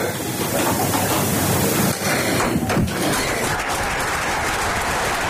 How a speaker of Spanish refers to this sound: Discurso de María Chivite ante el Comité Regional del Partido Socialista, que, como escuchamos, aplaude el discurso de la que ya es su precandidata a liderar la lista al Parlamento del Partido Socialista